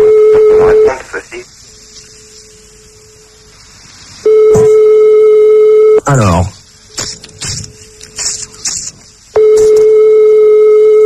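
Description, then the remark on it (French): A telephone ringback tone from a call to a direct line sounds in loud, steady, mid-pitched bursts, each lasting about a second or two, separated by longer pauses in which a man talks excitedly, counting down the remaining rings. “Plus que 3 sonneries.”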